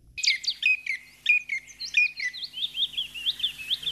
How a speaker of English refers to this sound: But by whatever name and whatever habits, the chipping sparrow will always be to me, and I'm sorry, I can't be objective here, a friendly bird.